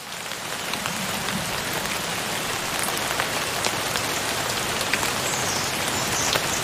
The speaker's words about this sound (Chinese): 大多数时候，树懒会以一种巧妙的方式获取水分。它们会一滴一滴地收集挂在枝叶上的雨水喝下。每次下雨都是树懒喝水的好机会。